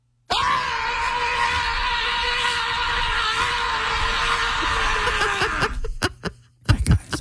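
A single loud, sustained scream starts abruptly and holds steady for about five seconds, then breaks off into short breathy gasps and laughter-like bursts at the end.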